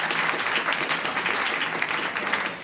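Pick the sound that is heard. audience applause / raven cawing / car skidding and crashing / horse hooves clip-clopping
audience applause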